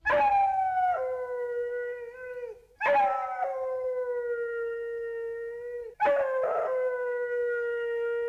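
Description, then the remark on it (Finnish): A dog howls three times in long, wavering, tuneful notes that slide downward like an attempt at singing, each howl loud with only brief pauses between them. “se kertoo koirasta, joka halusi laulaa. Koira, ole hyvä.”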